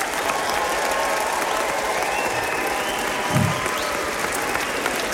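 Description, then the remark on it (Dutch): Sustained applause from a large audience at the Opwekking 2026 event for a worship band, a dense steady wash of clapping hands filling the whole stretch at even loudness, with a faint murmur of crowd beneath. “Geef ze een hartelijk applaus.”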